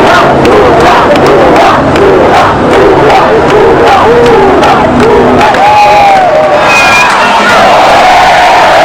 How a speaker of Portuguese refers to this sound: Uma multidão vai às ruas para comemorar a terceira vez do ex-metalúrgico no comando do país.